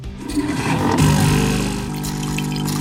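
A coffee machine rinsing: a steady mechanical hum of its pump pushing water, with a gurgling, rushing flow that shifts pitch partway through, continuous with no talking.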